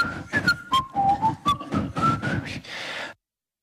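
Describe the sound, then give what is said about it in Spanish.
A whistled melody, the Verano Azul theme, rises and falls over a busy, murmuring background as a crowd in Donostia (San Sebastián) whistles it together; it runs for about three seconds, then cuts off abruptly. “un momento de verano azul en el cual todo Donosti silbará.”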